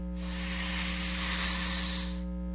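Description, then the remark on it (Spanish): A single sustained snake hiss, loud, swelling quickly and holding steady for about two seconds before cutting off, over a low steady hum. “Y en cuanto a las celebraciones, hoy es el Día Mundial de la Serpiente.”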